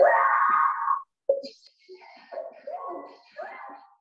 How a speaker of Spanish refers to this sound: Una mujer aparentemente fue poseída mientras hacía sus compras en un supermercado, y el episodio quedó registrado por las cámaras de seguridad. Otros compradores procuraban ayudarla, pero solo fueron espantados tras el fuerte alarido de la mujer.